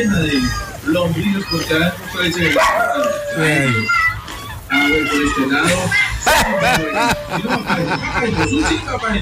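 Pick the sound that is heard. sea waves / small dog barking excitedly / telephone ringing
small dog barking excitedly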